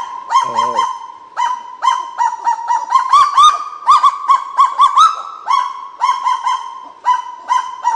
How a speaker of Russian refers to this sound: Так же, как и вот распушают крылья, начинают гавкать. Кого-то отпугивают, да? Очень забавные птицы, кагу.